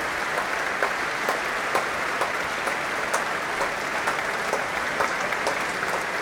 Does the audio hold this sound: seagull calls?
no